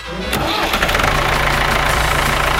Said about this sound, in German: Ja, wir starten schon einmal die Traktoren.